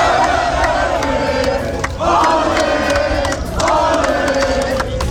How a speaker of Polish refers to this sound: Wokół stadionu i w strefach kibica wciąż słychać śpiewy, okrzyki radości i rozmowy o najważniejszych momentach turnieju.